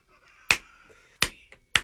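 Three crisp finger snaps keeping rhythm at a loose, slightly uneven pace, each a sharp bright click, with a faint steady tone humming quietly underneath and no talking.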